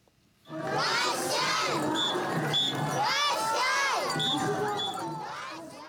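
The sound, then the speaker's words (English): A dense outdoor crowd cheers and shouts continuously at a parade of ornamental floats during the Sakata Festival in Sakata City, Yamagata Prefecture, northeastern Japan, with many overlapping voices, including high children's cries, at a steady loud level after a brief quiet start. “We take you now to northeastern Japan, where a parade of ornamental floats has drawn crowds to Sakata City in the prefecture of Yamagata.”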